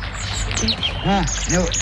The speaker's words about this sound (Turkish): Bülbül sesi bu Güler.